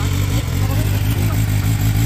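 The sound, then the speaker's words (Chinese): A motorcycle with the silencer of its exhaust pipe removed idles loudly without the throttle being twisted, a steady, deep, throbbing exhaust rumble with a faint clatter, holding even without any revving. “你在未拧动油门的情况下，排气的声音都到这个程度了。”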